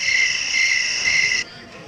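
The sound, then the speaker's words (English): A steady, high-pitched chorus of crickets trills continuously and fairly loudly, then cuts off abruptly just before the end, leaving only a faint background hush. “Yeah, but the crickets isn't on a hot button.”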